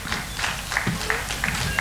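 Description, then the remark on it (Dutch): Applause from a small audience at the end of a jazz concert on the fourth evening of the International Jazz Festival Laren, a steady patter of scattered hand claps with no voices. “Maar ook deze kleine klappende minderheid is verstopt nu.”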